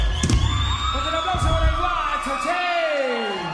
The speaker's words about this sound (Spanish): aplauso para